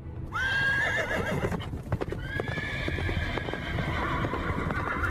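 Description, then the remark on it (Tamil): A horse whinnies with a long, high-pitched cry while steady clip-clopping hooves sound throughout, loud and dense with rumbling underneath, suggesting a horse-drawn chariot on the move. “ஆ, ஏதோ தேர்வரும் ஓசை கேட்கிறதே!”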